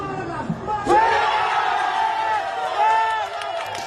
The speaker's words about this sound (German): Das Spiel verfolgt hat auch Bundespräsident Guy Parmelin. Er ist gerade in Mexiko zusammen mit einer Wirtschaftsdelegation. Und der Jubel dort war groß, als Ruben Vargas den entscheidenden Penalty versenkt hat.